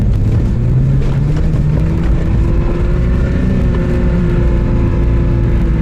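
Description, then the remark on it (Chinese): An off-road car engine revs hard in soft sand with heavy throttle, in a demonstration of trying to climb without enough speed. A loud, continuous low roar whose pitch climbs slowly as the throttle stays open, with no voices. “你看现在这个车挂到第四二档，动力是够的，然后呢，你就是很给油，看，很给油，看吧，看吧，哎，看看，速度没起来，对不对？”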